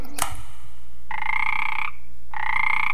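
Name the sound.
toad croaking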